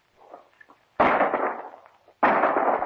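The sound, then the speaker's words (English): Two loud shotgun blasts fired at a bird during a hunt with dogs, about a second apart, each a sharp crack that rolls off into a rumbling decay, preceded by faint rustling. “He's your bird, Kent. Nice shot.”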